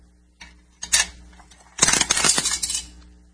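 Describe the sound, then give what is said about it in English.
A dime drops into a radio with a couple of sharp metallic clinks, followed by a longer bright rattle as it settles and jingles to a stop. No voices. “He's a dime. Throw it in the radio. No? Then I'll throw it a dime.”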